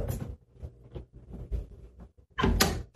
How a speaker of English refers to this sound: Oh, no. The closet door next to the mirror just opened.